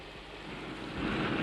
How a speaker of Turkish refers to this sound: Bizi de gördü Allah baba, sucuk olacağız yağmurdan!